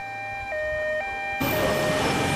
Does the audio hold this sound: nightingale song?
no